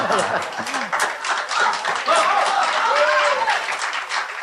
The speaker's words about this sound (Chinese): 给你鼓掌 啊， 给你鼓掌。